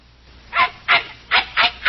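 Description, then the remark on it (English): A small shaggy dog barks five times in quick, slightly uneven succession: sharp, high-pitched yaps, each fairly loud and brief, with no talking. “With considerable opposition from a shaggy little four-legged lump of trouble, this is Studio One at CBS.”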